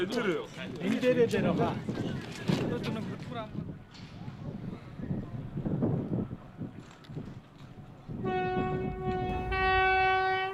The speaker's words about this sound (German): Die transmongolische Eisenbahn schlängelt sich weiter in Richtung chinesische Grenze.